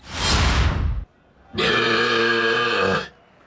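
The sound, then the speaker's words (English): A loud belch in a belching competition by a competitor from Australia's Northern Territory, measured at 109.7 decibels, 0.2 decibels short of the world record: a harsh, breathy burst, a brief pause, then a long, drawn-out tonal croak with a bleating, calf-like quality lasting about a second and a half. “Within 0.2 decibels of the record, and that belch there, look, resembling an unhappy calf or a goat, perhaps, who's just been denied access to its mother, 0.2 decibels away from the world record.”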